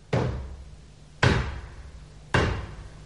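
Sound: knocking on a door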